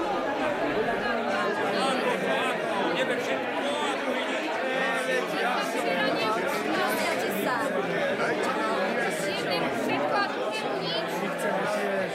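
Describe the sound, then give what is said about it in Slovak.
A steady, loud hubbub of a crowd of everyday diners talking over one another, a dense wall of overlapping voices with no single speaker standing out, continuing unbroken throughout. “Čo je to za hluk? Nepočujem vlastného slova.”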